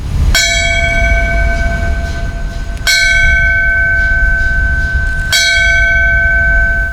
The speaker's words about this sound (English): A bell ringing in Falmouth signifying the end of a firefighter's duty.